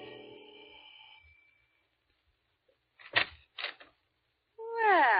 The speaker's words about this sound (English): Like the character who's ringing the doorbell of an apartment on the east side.